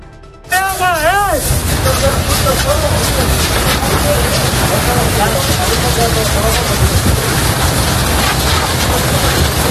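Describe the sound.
A loud, steady roar of the UME (Unidad Militar de Emergencias) fighting a wildfire in Pelayos de la Presa, with a constant rushing hiss and crackle. A brief wavering shout rings out near the start, and muffled voices murmur beneath the din.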